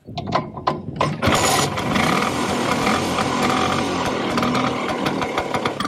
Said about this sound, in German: Was ist denn das für ein Moped? Ja, dieses berühmte Brummen feiert Geburtstag. Die Vespa wird 80 und zur Feier des Tages sind Fans aus der ganzen Welt mit ihren Rollern nach Rom gefahren, um an einer Vespa-Parade am Kolosseum mitzumachen.